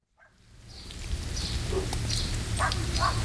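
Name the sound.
dogs barking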